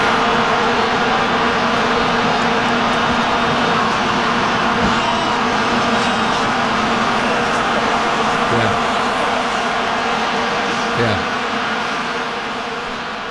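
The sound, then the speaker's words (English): A dense, unbroken buzzing drone of many vuvuzelas blowing at once in a stadium at the 2010 World Cup in South Africa, loud and steady for the whole stretch, their overlapping reedy tones merging into a swarm-like hum with faint crowd noise beneath. “So there will be no vuvuzelas at the FIFA World Cup,”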